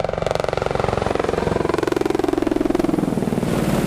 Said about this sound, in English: The Apache Longbow is the first in-service helicopter upgraded for the digital battlefield.